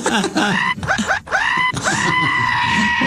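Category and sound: vocal imitation, imitated scream of pain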